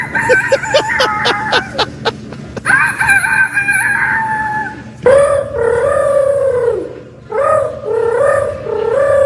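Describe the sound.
Children imitate a rooster in the third-place, second-place and grand champion entries of a youth rooster crowing contest at the Iowa State Fair, starting with quick staccato clucks and then loud drawn-out crows. Several crowing bursts follow one another in quick succession, clear.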